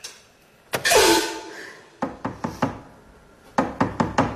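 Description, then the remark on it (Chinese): Sharp raps on a door come in two quick sets, three knocks and then four, fairly loud, after a brief noisy clatter. No one speaks. “谁呀？ 秋琴姐开门，是我，淑华。”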